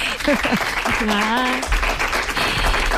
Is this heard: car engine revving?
no